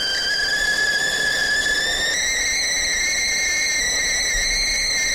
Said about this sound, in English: So I'm about to do that, but first, I better make my own cup of tea, hadn't I? Let me get that kettle going.